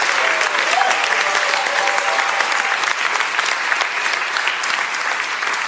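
A crowd claps steadily for several seconds to say thanks for a wish, a dense, even wash of many hands applauding at a strong, consistent level with no voices standing out.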